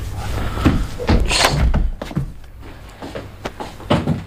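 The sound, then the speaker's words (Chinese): A door swings open with a few solid knocks and thumps of the handle and frame as a mother enters without knocking, bringing soup, followed by quieter shuffling and faint movement in the room. “不是妈，你怎么不敲门就进来了？”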